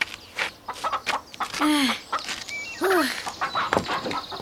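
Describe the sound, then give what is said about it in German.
Several chickens cluck and squawk, with two loud, rising-and-falling squawks standing out among a busy run of short clucks and rustling, as someone tries to catch one of them. “Und dann versuch mal, ob du einen Huhn erwischst.”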